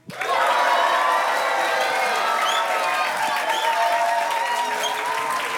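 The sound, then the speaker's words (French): An audience applauds a young guest steadily for several seconds, a dense, loud wash of clapping with a few cheers and shouts mixed in, holding at an even level throughout. “C'est sympa d'être applaudi comme ça ?”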